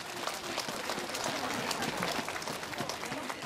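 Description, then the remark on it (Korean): Steady applause from an audience at the 3rd Yeonhwasa Spring Flower Concert at Yeonhwasa temple of the Jogye Order, Yangju, for the Yeonhwasa Lotus Choir, a dense wash of many hands clapping at an even level for the whole stretch, with no voices over it. “봄날의 햇살처럼 따뜻한 무대를 만들어주신 연화사 연꽃 합창단에게 다시 한번 큰 박수 보내주시기 바랍니다.”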